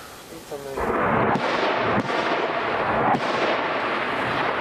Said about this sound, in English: Loud explosions force … to cut short a call with his wife and two-year-old daughter.